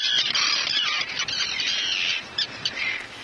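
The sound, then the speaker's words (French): Common terns calling loudly and continuously, a dense chorus of harsh, high-pitched screeching cries overlapping from several birds, with no talking. “Les cris des sternes pierre-garin, qu'on appelle aussi hirondelles de mer.”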